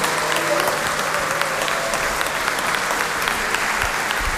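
A crowd claps steadily and loudly for several seconds, a dense, sustained wash of many hands with no pauses and no voices standing out.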